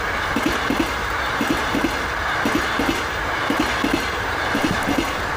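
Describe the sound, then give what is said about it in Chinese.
A train rolls steadily along the rails, its wheels knocking out paired clickety-clack beats about once a second over a constant, loud rumbling roar. “我叫他们拉你上来，是怕你被卷到火车底下压死，并不是同意你的请求。”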